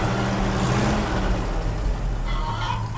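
A low, steady engine rumble of a farmer's vehicle pulling a trailer loaded with two bicycles and chickens, driving along to a farm, continuous, with a faint rattle and brief higher clatter near the end.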